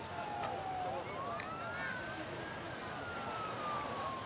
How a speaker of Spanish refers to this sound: Centenares de inmigrantes que podemos ver también en estas imágenes, al mismo tiempo que escuchamos las sirenas de los, de las fuerzas y cuerpos de seguridad del Estado. En ese punto, en Ceuta, donde, como les estamos diciendo, continúan llegando